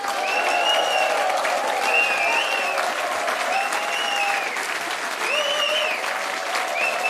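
A large audience applauds steadily outdoors at the 50th-anniversary celebration of a free outdoor festival in the Katharinenruine, a dense wash of clapping that holds at a constant loud level throughout, with faint whistles or cheers rising above it.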